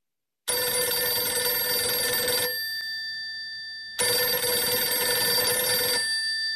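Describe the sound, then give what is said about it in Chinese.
A telephone rings loudly, two long bell rings separated by a short pause as the metallic tone fades, with no voices present; the call comes from Wu Shaozhou at Nanpingji. “电话是吴少洲从南平集打来的，自25日110师直接归黄维指挥后，吴少洲第一次打来了电话。”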